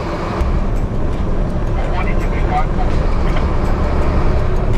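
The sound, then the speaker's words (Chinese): Constant, loud road roar from inside a vehicle moving on the 318 road in Tibet, with wind rushing and buffeting through a rolled-down window, unbroken throughout, faint voices barely audible beneath. “收到，把玻璃摇下来，感受一下西藏的风。”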